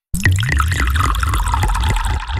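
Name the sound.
running shower water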